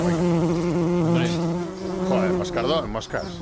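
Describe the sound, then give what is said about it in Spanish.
A bumblebee buzzes steadily, a low droning hum with a shifting pitch that wavers and rises briefly near the end. “Llevamos aquí 20 años poniendo la abejorro.”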